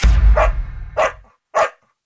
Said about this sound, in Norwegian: Du hørte lyden av en glad hund, som ikke blitt brukt til testing av kosmetiske produkter.